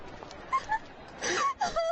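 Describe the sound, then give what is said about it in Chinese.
A woman's voice cries and wails in short, wavering sobs, a few brief whimpers followed by longer drawn-out moans, moderately loud with no words spoken, in a small hutong alley at midday. “我们正往前走着，忽然就听到了前面好像有一阵女人的哭声。”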